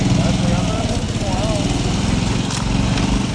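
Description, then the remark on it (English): A motorcycle engine runs loud with a steady, rapid throbbing rumble that stays constant throughout, while faint voices murmur underneath; a motorcycle ride along the coast at night. “That night, I take a ride along the coast on a motorcycle”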